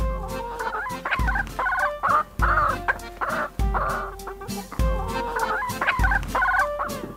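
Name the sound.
chickens clucking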